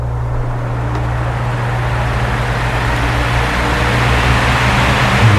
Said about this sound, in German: Der Ventilator, der musste durchmachen bei diesen Temperaturen.